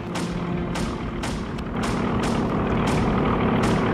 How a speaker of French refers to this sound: Oh la vache, les avions américains. Ils descendent tout près.